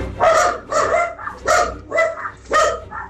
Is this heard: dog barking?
yes